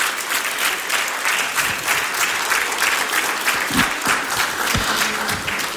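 A standing audience applauds the Lord steadily, a dense, sustained wash of many hands clapping at an even loudness with no break, a few faint low sounds rising briefly beneath it.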